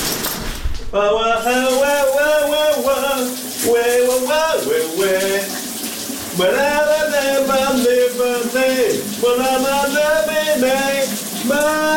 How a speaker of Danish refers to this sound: For han er jo også en radiovært, udover at han synger for dig under bruseren. Kunne du høre, hvad det her var for en sang?